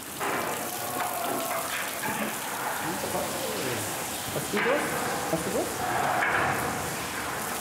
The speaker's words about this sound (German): In der Zwischenzeit gibt es für die Flusspferde eine Dusche. An Land muss ihre Haut regelmäßig befeuchtet werden. Sonst bekommt sie schnell Risse.